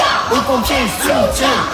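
A loud crowd of high school students in front of their high school near Bordeaux, France, chants together "Soutien aux pompiers" in support of firefighters, many overlapping voices rising and falling in a rhythmic, shouted phrase that fills the whole short stretch.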